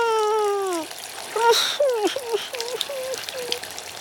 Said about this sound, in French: C'est fini. À la douche maintenant.